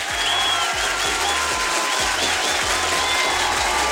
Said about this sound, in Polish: także myślę, że warto walnąć jakieś oklaski, prawda?